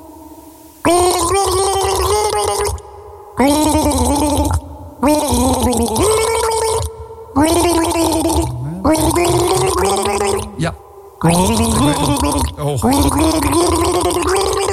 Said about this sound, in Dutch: Het enige wat je hoeft te doen is dit herkennen. Gorgel